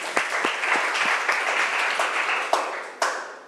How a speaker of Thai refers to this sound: ครูก็ต้องขอเสียงปรบมือให้กับเจ้าของคลิปสาระดีน่ารู้ในวันนี้ด้วยค่ะ